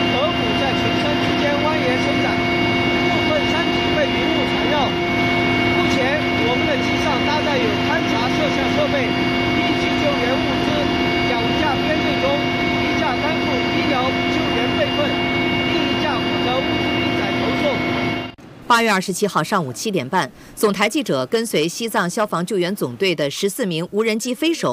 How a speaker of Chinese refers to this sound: 我现在正跟随西藏军区陆航某部的直升机前往吉隆口岸任务红线。此时此刻，透过我所在的直升机舷窗往外看，可以看到连绵巍峨的雪山峡谷。